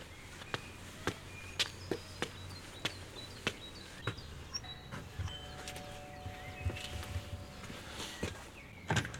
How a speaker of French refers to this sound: Je marche jusqu'à la villa blanche, au volet bleu. Voilà, il y a une petite dizaine de marches, et je vais sonner à la porte.